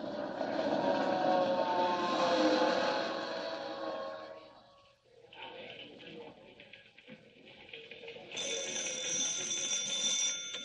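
A telephone bell rings with a bright, sustained metallic jangle near the end, following several seconds of busy, rumbling background noise that fades into a brief lull.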